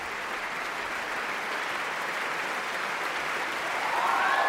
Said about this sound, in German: Und das hier ist der verdiente Extra-Applaus für Magnus Dietrich, den Einspringer heute, der das alles hier noch ganz schnell sich drauf geschafft hat, wo er hin muss.